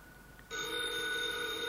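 A telephone bell starts ringing abruptly and keeps up a steady, continuous metallic trill, fairly loud, with no voices over it.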